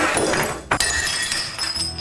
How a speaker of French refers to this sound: Il ouvre un œil grand comme une soucoupe, porte les deux mains à son estomac et s'effondre, renversant verre et pichet.